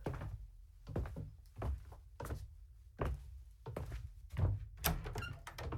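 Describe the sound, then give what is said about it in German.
A door into the back room of a shop opens and steady, heavy footsteps follow, thudding on a hard floor at an even walking pace, with no talking. “Lass uns mal durch die Tür da nach hinten in den Laden.”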